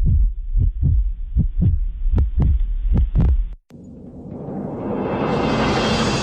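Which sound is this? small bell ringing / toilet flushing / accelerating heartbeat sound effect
accelerating heartbeat sound effect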